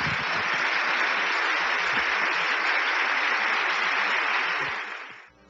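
An audience claps in a dense, steady burst of applause lasting about five seconds, holding an even loudness before quickly dying away at the end. No voices are heard.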